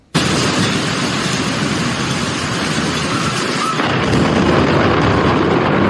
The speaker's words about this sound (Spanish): Es el nivel de la tormenta eléctrica que experimentaron varios estados en el sur. Esta cámara captó los relámpagos sobre el estadio de fútbol en Colombia. Es parte de, insisto, las tormentas que han afectado al corazón de Carolina del Sur.